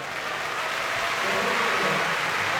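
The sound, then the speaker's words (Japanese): A large sumo crowd at IG Arena claps steadily in a dense, continuous wash of applause after the announcement of the day's final bout, between Onosato and Oho. The applause is loud and even throughout, with no voices standing out above it. “結びの一番という場内アナウンス、その紹介に館内 IG アリーナのお客様からも大きな拍手がまた沸きました。”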